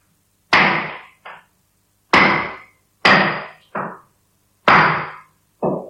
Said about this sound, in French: Tu es là, dans ta maison, et tu commences à entendre des bruits de marteau.